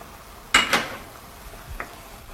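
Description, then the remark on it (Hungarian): A utensil scrapes around a pan in two quick strokes and then a third, softer one, over a steady low sizzle of onions frying. No one speaks. “Kicsit kevergetjük a hagymát, ugye le ne égjen.”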